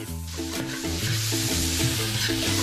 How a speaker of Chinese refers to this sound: 锅中倒入底油，将鹅胗煸炒至焦黄，倒入菠萝，大火翻炒至出汁，加入少许白糖提鲜去腥，少许盐提味儿，开大火加入黄瓜和番茄翻炒均匀。